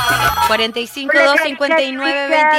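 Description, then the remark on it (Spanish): A telephone rings with a bright electronic ringtone, a short melody of steady tones stepping up and down in pitch, loud, running continuously with no one talking. “Nos vamos al teléfono.”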